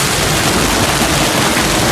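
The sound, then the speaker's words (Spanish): Heavy hail pounding down during an afternoon storm in Castellfort, in the province of Castellón, Spain, in a dense, continuous roar of rapid hard impacts, loud and steady throughout with a hissing, crackling texture and no voices. “Y muchísimo granizo, como el de la pasada tarde, el que escuchas en Castellfort, en la comarca del Sport.”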